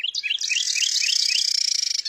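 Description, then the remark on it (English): A breeding pair of Carolina wrens in North America sing a duet: the male repeats quick, clear rolling phrases while the female holds a steady, buzzy trill underneath, both loud and continuous for about two seconds. “In North America, breeding pairs of Carolina wrens sing duets to strengthen their bond and defend territory.”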